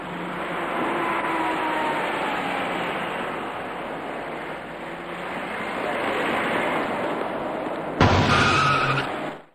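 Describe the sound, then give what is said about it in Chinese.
A steady, dense roar of traffic on the main Third Ring Road near Shilihe Bridge, shortly after 11 a.m., beside a bus stop on the north-to-south side, with vehicles swishing past; near the end a louder burst with a high squealing edge, like brakes as a bus pulls into the stop. “这里是上午11点多，十里河桥附近的3环主路，在由北向南方向的路边上有一座公交站台，您接着往下看。”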